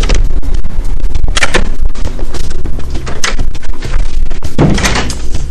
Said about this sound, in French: Ben voilà, je suis devant. C'est là où on va découvrir mon métier aujourd'hui. Cordonnerie, c'est marqué sur la porte. La porte que je pousse.